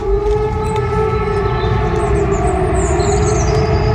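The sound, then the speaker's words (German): A civil defense warning siren heard outdoors during Germany's 2026 Warntag, the nationwide warning day test, sounds a loud, steady, sustained tone throughout, with rich harmonics over a constant low rumble of background noise, and no voices. “Da gingen ja Sirenen dann los. Das klang dann so.”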